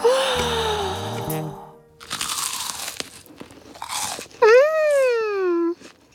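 Two crisp bursts of crunching popcorn, each lasting about half a second, set between playful voiced hums with sliding pitch, like cartoonish sounds of delight, as Toudou and his friends munch popcorn at a sleepover.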